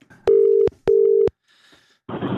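Two loud, steady telephone tones, each under half a second and bracketed by sharp clicks, as someone places a telephone call, followed by a short quiet hum and then a burst of rough line noise.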